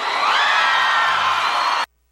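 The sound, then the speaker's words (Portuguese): A crowd, asked to shout if they liked the song, shouts and whoops together in a loud, sustained burst of cheering that fills the space for nearly two seconds, then cuts off abruptly into silence. “Quem gostou, solta o gritão.”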